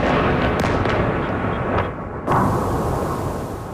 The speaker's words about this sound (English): Explosions in Kyiv, where officials say at least 4 people died. Ukraine's military says Russia fired more than 70 missiles and 650 drones.